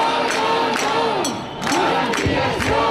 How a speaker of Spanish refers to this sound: Este ha sido el grito que se ha repetido una y otra vez a lo largo de toda la mañana en una manifestación a la que han asistido 5.500 personas, según la Guardia Urbana, 30.000 según los organizadores.